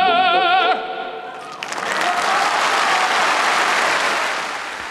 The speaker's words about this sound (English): That was a recording made in 1993 at the Piazza Grande in Modena, where Pavarotti's from, his hometown audience cheering him on, in that encore offered at the end of the program, Tra voi belle, from Puccini's Manon Lescaut.